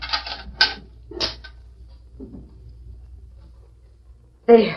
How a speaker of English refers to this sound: I'll light the lamp.